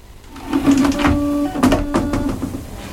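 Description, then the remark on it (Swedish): A Japanese-style bidet toilet on a building's ground floor sprays water in place of wiping with toilet paper: its motor hums steadily with a tonal whine while bursts of hissing water spray come and go over about three seconds, moderately loud, with no voices. “Man kan så här spruta vatten istället för att torka sig med papper. Så sprutar det vatten.”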